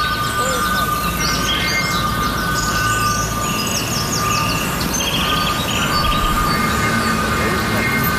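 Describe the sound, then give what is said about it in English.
A steady rumbling drone of a four-coach train for Bristol Temple Meads at a railway station platform, with a constant hum and scattered bird chirps overhead, loud and continuous throughout. “Service to Bristol Temple Meads. Calling at Bristol Temple Meads only. This train is formed of four coaches.”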